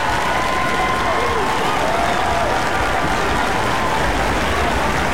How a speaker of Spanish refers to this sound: ¡Aplauso para ustedes!